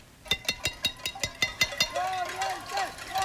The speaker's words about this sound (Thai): ชาวกรุงฮาวาน่าเดินขบวนไปตามท้องถนนนะคะหลายคนจะเอาหม้อเอากระทะเครื่องครัวต่างๆมาเคาะส่งเสียงเป็นการประท้วงแสดงความไม่พอใจ